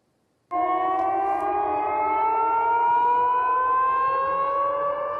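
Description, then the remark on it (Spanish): An air-raid siren in the Russian province of Belgorod, on the border with Ukraine, starts abruptly and wails loud and steady, its pitch slowly rising as the sustained tone continues without pause, with no voices present. “En Belgorod, las sirenas antiaéreas se han vuelto tan familiares como las campanas de las iglesias.”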